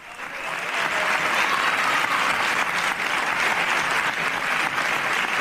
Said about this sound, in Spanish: Por ahora están aplaudiendo.